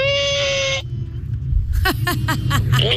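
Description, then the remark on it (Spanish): A child voices a motorcycle engine: a steady buzzing hum first, then a run of quick, rising and falling revving bursts over a low rumble, fairly loud. “Y esta es nuestra moto.”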